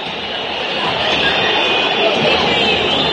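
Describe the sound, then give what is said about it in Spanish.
Independiente supporters at the end of a match against Platense in Avellaneda, on a cold night, whistle in disapproval: a dense, shrill wash of many overlapping whistles over a steady roar that holds at a constant loudness for the whole stretch. “Se terminó el partido con un frío que silba en la noche, porque la calentura del hincha de Independiente se transforma en el frío de la noche y el frío se transforma en silbido de reprobación para Independiente,”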